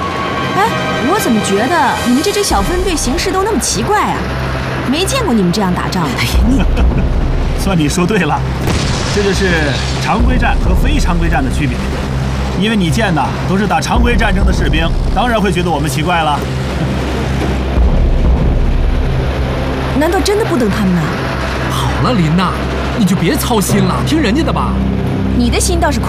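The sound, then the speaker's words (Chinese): A steady, loud engine rumble of a car driving fills the whole stretch after a brief quiet start, with voices talking over the constant low drone. “他们靠着两条腿，怎么可能赶上这汽车轮子？”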